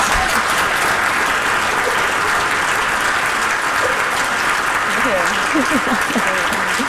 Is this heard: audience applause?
yes